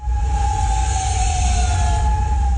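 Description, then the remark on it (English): Air raid sirens sound overnight in Kuwait City during missile and drone attacks, a sustained wail holding a steady, slightly falling pitch over a constant low rumble of city noise, loud and continuous throughout with no voices. “Sirens ring overnight in Kuwait City.”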